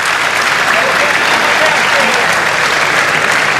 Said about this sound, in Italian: Oltre altri, ai rappresentanti di CNA, Confesercenti, Confindustria, dell'Accademia Navale e della Motorizzazione di Livorno, un grazie a tutti e un applauso.